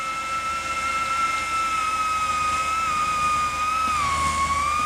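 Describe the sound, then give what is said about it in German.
A sustained, whistle-like synthesizer tone driven by signals from a basil plant hums over a steady rushing wind from a fan used as a wind simulator, holding a bright pitch with faint overtones before wavering and gliding lower near the end. “Dann hört man jetzt die Pflanze wirklich singen im Wind.”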